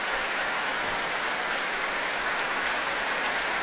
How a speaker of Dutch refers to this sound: Applaus nu ook voor clarinetiste